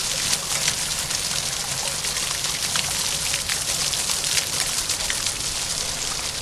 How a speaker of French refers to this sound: Et on entend l'eau de la place Gambetta, les jets d'eau de la place Gambetta dont vous nous avez parlé tout à l'heure